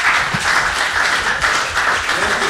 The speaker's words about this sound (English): Let's have a big hand to welcome an old connected vineyarder and fabulous songwriter